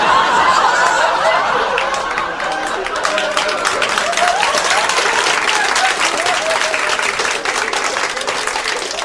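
Sustained audience applause fills the whole stretch, dense steady clapping from a crowd with a few scattered laughs and murmurs mixed in.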